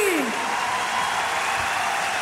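A crowd applauds steadily, with dense, continuous clapping that holds at an even loudness throughout. A brief, falling whistle-like tone sounds at the very start.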